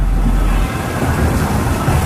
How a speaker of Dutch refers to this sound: dondert gelukkig alleen maar op de radio.